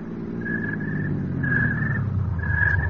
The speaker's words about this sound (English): I was getting back into my car. Edwards and the servants drove up.